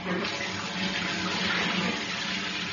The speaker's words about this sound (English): And as you can hear for yourself, we're standing in the changing room shower. So this is what it would sound like, Mr. G. Upminster of Chatham, Kent.